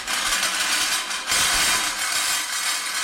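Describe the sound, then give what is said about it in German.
Jean Tinguely's 1963 motorized scrap-metal sculpture Hongkong, made of car wheels, a pan and a drill bit linked by V-belts and small electric motors, clatters and rattles continuously at the Kunsthalle Mannheim, a loud, dense metallic din of whirring and clanking that swells briefly partway through, with no voices. “Mit lautem Scheppern setzt sich das Kunstwerk in Bewegung.”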